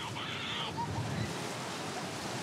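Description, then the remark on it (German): Ocean waves wash steadily onto the beach at Ristinge in a continuous, even roar of surf, where children swim in the waves as parents watch, with a faint murmur of voices mixed into the background. “Viele Eltern verfolgen, wie ihr Nachwuchs sich in den Wellen so schlägt.”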